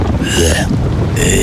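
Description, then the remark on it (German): Loud, steady rain roars with a deep rumble of thunder underneath, a dense, continuous wash of storm noise with no voices. “Regen.”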